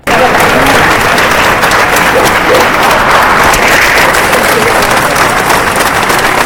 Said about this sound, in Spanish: Allí la comitiva fúnebre ha enfilado el camino hacia la puerta del concejo de la catedral, acompañado de cientos de murcianos que le han despedido al grito de ¡Viva el alcalde! Y aplausos para despedir a Ballesta.